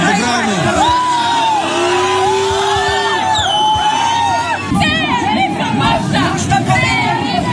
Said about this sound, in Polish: kościół świętego Wawrzyńca otoczyło około 3000 ludzi, by zademonstrować swoje poparcie dla odwołanego księdza. Wywiązała się kłótnia i szarpanina